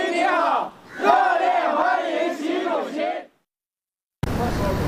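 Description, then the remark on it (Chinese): A large crowd of local overseas Chinese and Chinese company representatives in India cheers and chants loudly in unison, waving Chinese and Indian flags to welcome Xi Jinping on his way from the airport to his hotel; voices rise and swell for about three seconds before cutting off abruptly into silence, then a burst of noise. “习近平乘车从机场赴下榻饭店途中，当地华侨华人和中资企业代表挥舞中印两国国旗，热烈欢迎习近平到访。”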